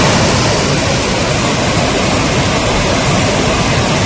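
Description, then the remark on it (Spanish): The swollen Besós river in the Barcelona area, under an extreme flood alert, roars past with a strong current in a constant, dense rush of churning water, loud, with no letup or voices over the full few seconds. “Así suena el río Besós, que baja con mucha fuerza a esta hora.”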